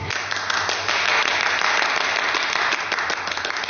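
Many people applauding in a judges' office, a steady dense patter of many hands clapping at once, sustained and fairly loud for a few seconds with no talking over it.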